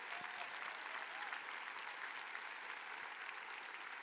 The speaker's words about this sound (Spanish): Vamos, dale un fuerte aplauso.